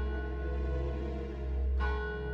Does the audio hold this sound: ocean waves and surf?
no